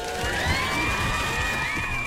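A sound effect of a crowd cheering and applauding steadily, a dense wash of clapping with high whoops and shouts sliding over it, staying loud and even from start to finish.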